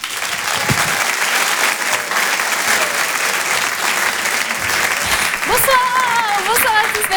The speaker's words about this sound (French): Je vous demande d'applaudir chaleureusement s'il vous plaît